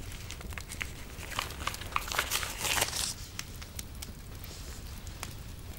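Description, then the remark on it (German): Soft, irregular crinkling of a small scrap of paper that flew out of a fire, with quick crackly bursts that swell briefly in the middle, against a low background hum with no voices. “Es ist ja nur ein Fetzen Papier.”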